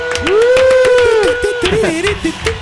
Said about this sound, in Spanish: ¡Un fuerte aplauso!